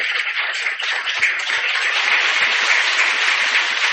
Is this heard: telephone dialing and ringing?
no